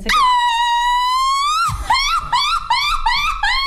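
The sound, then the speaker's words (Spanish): A Mexican grito shouted on the radio show Jordi en Exa: one long, high, held cry that breaks into a quick run of about six warbling yelps. Loud and shrill, with no talking underneath. “Vamos a ir a corte, pero antes de eso, el grito”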